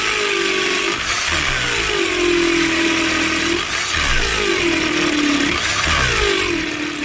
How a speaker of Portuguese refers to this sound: Essa furadeira aí é do Jason, hein?